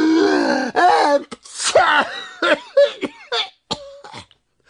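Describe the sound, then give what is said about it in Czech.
A voice playfully imitates two bumblebees sneezing at once after dust tickles their noses: a drawn-out gasping build-up followed by a string of short, sharp, breathy bursts, fairly loud, tapering off toward the end. “Jakmile je totiž ten prach zašimral v nose, oba bráškové naráz kýchli.”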